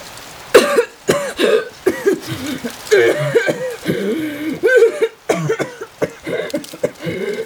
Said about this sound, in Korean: 바람에 실린 젖은 낙엽 냄새에 기침이 나왔다. 손으로 황급히 입을 가리지만 한번 터진 기침은 쉽사리 멈추지 않는다.